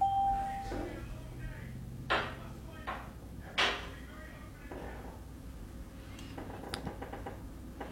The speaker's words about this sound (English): All right, and that sounds like the phone ringing again for game number two. So if you have a bingo on game number two, you can give us a call.